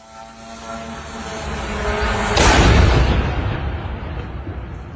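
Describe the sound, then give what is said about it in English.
A Russian drone crashing into an apartment block in Romania on Thursday night: its steady, droning engine whine builds in loudness, then a sudden broad roaring burst of impact noise takes over and trails off into a sustained rumble. No one speaks. “The sound of a Russian drone as it crashed into an apartment block in Romania on Thursday night.”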